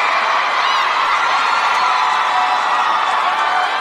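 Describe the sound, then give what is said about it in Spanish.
A dense wash of audience applause and cheering fills the whole clip, steady and loud, with scattered whoops and shouts rising over the continuous clapping. “merece un aplauso, por favor.”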